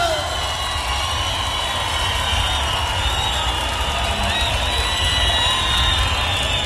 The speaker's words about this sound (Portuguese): Cadê os aplausos?